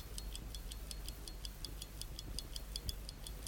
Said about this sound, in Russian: Вот, часы пошли. Часы идут, ребята.